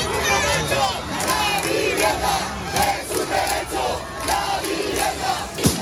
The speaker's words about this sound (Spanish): 10.000 personas, según la delegación del Gobierno, se manifestaban ayer por la tarde en Martínez Campos, Rubén Darío y La Castellana. Manifestación con gritos de apoyo hasta que intervino la policía.